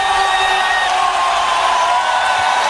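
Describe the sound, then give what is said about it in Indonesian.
A dense, steady roar of a crowd cheering, clapping and shouting together at a football match viewing party, loud, with several voices rising above the din throughout. “Malam ini, layar menyala, pertandingan besar dimulai, suara-sorak tepuk tangan dan teriakan menyatu dalam suasana nonton bareng.”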